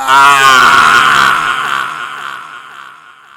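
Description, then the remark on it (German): A man lets out a loud, anguished scream of pain as a burning torch is held to his face, one long strained cry that starts intense, then slowly weakens and trails off over a few seconds. “Der schmerzerfüllte Schrei weckte mich.”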